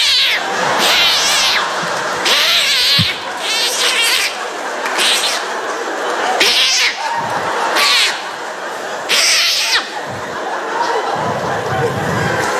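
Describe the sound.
Cats yowl and caterwaul in a loud fight, with harsh screeching bursts that flare up again and again over a constant snarling, growling din.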